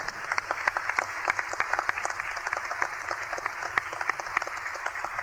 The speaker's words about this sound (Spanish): Palabra del Señor. Démosle un aplauso al Señor por su palabra.